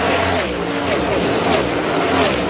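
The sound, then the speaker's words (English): Loud, continuous roar of racing engines, their whining pitch rising and falling as cars speed past on a track, with a dense wash of engine noise throughout. “But seeing the cars go by and just seeing like the ridiculous speed in person was insane.”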